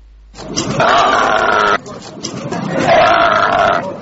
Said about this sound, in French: Sur le nouvel espace réservé à la vente du bétail, des milliers de moutons remplissent les enclos malgré un ciel menaçant. Les clients défilent, inspectant avec attention la taille et l'état des bêtes avant de négocier les prix.